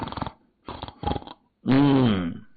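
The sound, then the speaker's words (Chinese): A voice imitates snoring: a few short murmured bursts, then one loud, drawn-out, throaty snore that swells and rattles before cutting off, portraying a bald-headed sentry asleep in a watchtower, head resting on a box-cannon pistol, chin up and mouth open. “灯光里这时候一看，里溜着光着个脑瓜，枕着个盒子枪，下巴朝上，张着个嘴，正在打呼噜。”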